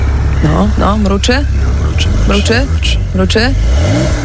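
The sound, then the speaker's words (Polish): A newly bought Porsche 911 engine is started and rumbles steadily while a series of short, rising and falling revs bursts out several times over a few seconds, loud and continuous. “Mruczy. Pięknie, 911 Porsche.”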